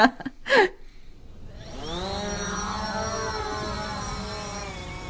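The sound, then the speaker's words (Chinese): A camera drone, being launched to look for camels, spins its motors up into a steady, high buzzing whine, its pitch rising briefly before holding level, after a couple of short knocks at the start. “行了，我去放无人机了，你看这平板。”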